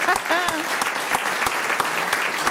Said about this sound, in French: On peut vous applaudir, c'est vrai. Je vous ai coupé les applaudissements.